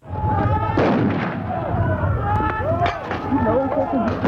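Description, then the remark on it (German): Sharp bursts of police gunfire crack repeatedly over a loud, chaotic crowd of rioters with shouting voices in Alexandra, north of Johannesburg, South Africa, the shots irregular and sudden amid continuous commotion. “In Alexandra, nördlich von Johannesburg, schoss die Polizei auf randalierende Gruppen.”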